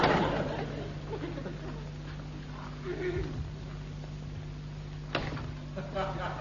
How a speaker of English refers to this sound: I could have sworn that door opened the other way. Yeah, you great puddin'. You've lived all your life in this house and you can't remember which way the doors open. All doors opens inwards.